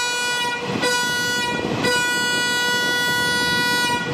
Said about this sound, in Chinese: 这样的两短一长鸣笛用于列车出入库申请行车信号。